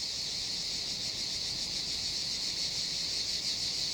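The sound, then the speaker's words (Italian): A dense chorus of male cicadas buzzes continuously, a bright, shimmering drone that pulses slightly but never stops, steady and fairly loud throughout with no voices; the males are competing with love songs for a female in summer. “La cicala deve fare la sua scelta tra tutta questa folla.”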